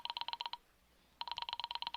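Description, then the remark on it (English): An operator dials the telephone number of an office: a clear run of rapid beeping tone pulses, a short pause, then another quick burst of pulses. No one speaks. “I will be glad to try that number for you.”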